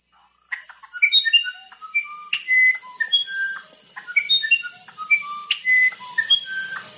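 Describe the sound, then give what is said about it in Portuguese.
A uirapuru bird sings a clear, flute-like melody of varied whistled notes rising and falling in quick phrases, close and fairly loud, over a steady high insect hum. “Ele disse, eu sou o Irapuru, seresteiro cantador do meu sertão.”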